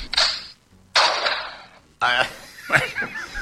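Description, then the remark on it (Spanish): Two sharp gunshot sound effects ring out about a second apart, each with a brief fading tail, followed by someone speaking with a slight laugh. “En cualquier caso, son tiros.”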